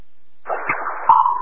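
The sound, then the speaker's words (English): A short burst of crackly, band-limited radio open-line static begins after a brief silence, hissing steadily with faint clicks and a brief squeal partway through, moderately loud. “Zero Chestnut Ridge for an open line static.”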